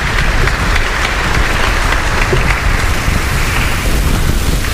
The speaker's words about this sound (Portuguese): Pode ficar de pé? Oh, palmas para esses casais, obrigado.